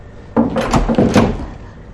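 A door is opened, producing a short cluster of wooden clunks and rattles over about a second, fairly loud, with no one speaking.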